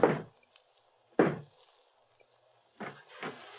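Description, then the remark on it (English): Knocking on a wooden door of an old wooden house at the edge of town, at the top of a flight of dark stairs: two loud, hollow raps about a second apart, then a pause and two softer, quicker knocks, like a coded signal. No one speaks. “We climbed up a flight of dark stairs, and then he knocked on the door.”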